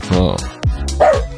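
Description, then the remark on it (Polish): A dog barks under a table in a few short, loud bursts, spread across a moment with brief gaps between them. “Cicho tam pod stołem, proszę tego psa o spokój.”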